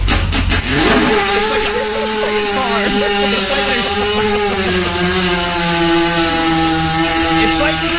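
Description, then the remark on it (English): A voice imitates a 250cc dirt bike motorcycle engine that won't start, with a few rapid sputters at first, then a loud, steady buzzing drone that carries on without catching. “It's like they're starting at like a 250cc motorcycle, like a dirt bike. It won't start.”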